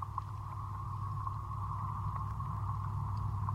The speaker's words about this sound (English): You can also hear traffic going by.